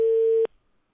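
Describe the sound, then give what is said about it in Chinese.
A telephone line tone sounds while a call is being placed to a company's phone number: one steady, mid-pitched electronic beep lasting about half a second, loud and alone, then it cuts off to silence. “我们现在打的就是这个电话，这是公司的电话。”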